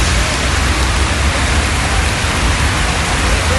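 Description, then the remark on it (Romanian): Torrential rain in Craiova pours down in a loud, dense, steady roar, a continuous hiss of water covering the roads, with no breaks and no voices. “Ploaia torențială a acoperit complet drumurile din Craiova.”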